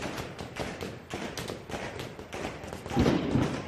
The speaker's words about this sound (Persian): شلیک ها رو شنیدی و زود فهمیدی این صدا با صدای پینتبال و ساچمه فرق دارد. خشکتر است، کوتاه‌تر، بی‌پژواک، صدای گلوله جنگی است.